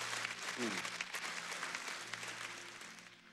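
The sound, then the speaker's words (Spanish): An audience applauds the workers of a building project in a dense, sustained wash of clapping that stays steady and fairly loud, tapering slightly toward the end, with a faint low hum beneath. “Algo que me llama la atención, sí, aplauda, aplauda de manera que para ellos es un bálsamo.”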